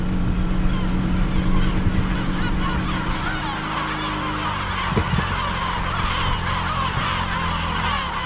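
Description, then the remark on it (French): A dense chorus of gulls calls and squawks continuously from an island colony of more than 3000 gull nests at sunrise, many birds overlapping, with a steady low engine rumble underneath as a boat heads toward the island. “Oui, il y a beaucoup, beaucoup de goélands. Il y a plus de 3000 nids de goélands.”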